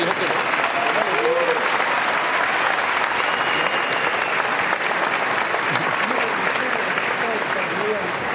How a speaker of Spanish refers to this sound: Don Luis Yagüe, un aplauso.